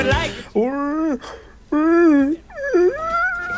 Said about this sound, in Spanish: Es como cuando uno bosteza. ¿Se dan cuenta cuando usted bosteza?